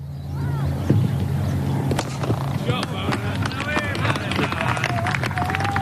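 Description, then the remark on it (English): Several sharp wooden knocks of a willow cricket bat striking a leather ball ring out at irregular intervals during an amateur village cricket match in the English countryside, over steady birdsong, a low hum and faint murmuring voices. “The gentle sound of a cricket match in a quaint English village as leather hits willow.”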